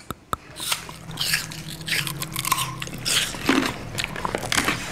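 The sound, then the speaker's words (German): Crunching and chewing as three kids bite into food to show what teeth are for, with irregular wet munching sounds and sharp bites repeating over a few seconds, no talking. “Ich denke, damit wir unser Essen, also unsere Mahlzeit, gut schlucken können, also essen können.”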